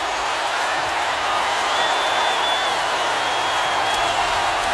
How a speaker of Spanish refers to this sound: Un aplauso más fuerte, un aplauso más bonito para el mariachi ….